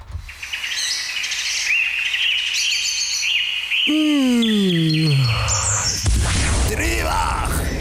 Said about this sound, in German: Und vielleicht tönt es auch bald für uns so ein bisschen Vogelgezwitscher.